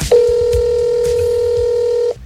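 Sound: telephone dialing tones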